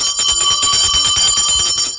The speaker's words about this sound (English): And that is why I'm going to give each and every one of you other parents listening to us right now, I'm going to give you this bell.